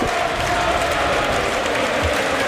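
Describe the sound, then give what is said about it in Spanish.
A large stadium crowd at a football match applauds steadily as player Skelly leaves the pitch in a substitution, a dense, continuous wash of clapping at an even level throughout, with no voices standing out. “Bueno, se marcha Skelly, aplaude la grada, le aplauden a él y va a entrar Martín Zubimendi.”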